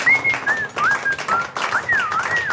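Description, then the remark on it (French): A woman whistles a short tune, a string of clear, bright notes that slide up and down in pitch, with a faint background hiss under them. “Elle siffle.”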